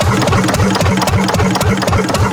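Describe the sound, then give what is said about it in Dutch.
A very small old marine engine with a tiny chimney and a slowly turning wheel, shown at a harbour days event, chugs steadily, its low thumping beats repeating in an even rhythm with a mechanical clatter on top, loud and continuous with no voices. “Maar we zien hier een heel klein motortje staan met zo'n heel piepklein schoorsteentje.”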